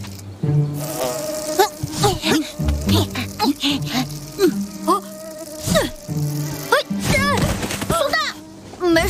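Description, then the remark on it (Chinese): A loud whine of mosquitoes buzzing continuously through the whole stretch, broken repeatedly by sharp swats and whooshing hits as someone tries to drive the mosquitoes away. “小青蛙不在，就由俺们来把蚊子赶走。”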